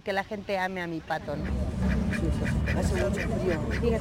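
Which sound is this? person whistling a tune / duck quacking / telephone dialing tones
duck quacking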